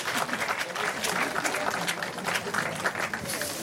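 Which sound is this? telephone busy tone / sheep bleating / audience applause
audience applause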